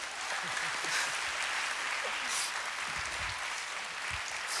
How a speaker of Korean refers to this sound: 막 정말로 뭐가 막 떨어지네. 낮줄 타다가 이렇게 막 뭐가 떨어지니 처음 봤어. 박수 한번 주십시오.